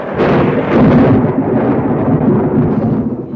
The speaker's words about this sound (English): You're not frightened of a thunderstorm, are you?